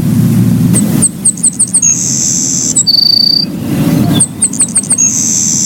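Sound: savannah Sparrow song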